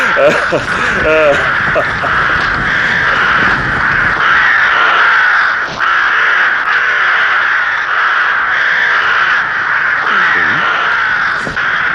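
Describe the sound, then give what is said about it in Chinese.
A flock of crows caws steadily and loudly on a bright moonlit night as they fly from a village, mistaking the moonlight for dawn, their harsh overlapping calls filling the air without pause for the whole stretch, continuous rather than isolated cries. “今夜月明如昼，乌鸦疑是天晓，故而离村飞鸣。”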